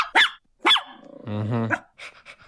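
A dog gives two sharp barks, then a longer rumbling growl, followed by a few quieter short yips; no one speaks.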